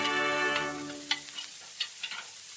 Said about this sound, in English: We find the couple in their little apartment in mid-Manhattan. Supper is over, and while Bobby washes the dishes, Rims searches for a cigarette.